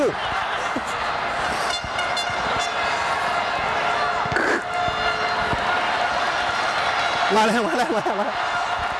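A loud sports crowd cheers from outside, heard from the pitchside media area at the edge of the field, in a dense, steady roar that fills the whole clip, with a brief wavering horn-like tone rising over it near the end.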